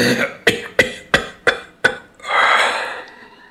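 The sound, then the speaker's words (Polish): A smoker's harsh, hacking cough caused by cigarettes: five or six sharp, loud bursts in quick succession, then a long raspy, wheezing exhale as the fit trails off. “Muszę koniecznie w najbliższej przyszłości rzucić ten kaszel.”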